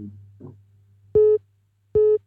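A telephone rings during a bingo game as a caller phones in, with two short, steady electronic tones of the same mid pitch, evenly spaced about a second apart, over a low constant hum.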